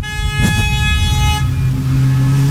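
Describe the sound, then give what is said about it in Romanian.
Loud car horns blare in a busy street in Sibiu as drivers honk for the Zoo radio show. A long sustained honk overlaps with shorter toots, all over a steady rumble of engines and traffic. “Uite, claxon, după claxon, după claxon.”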